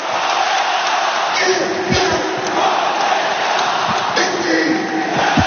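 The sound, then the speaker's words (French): A stadium crowd at the Meinau gives a loud, sustained ovation for player Diego Moreira, a dense roar of cheering and shouting that holds steady for several seconds with brief swells and no pause. “Il a été ovationné, hein, Diego Moreira.”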